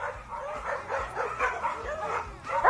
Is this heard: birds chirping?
no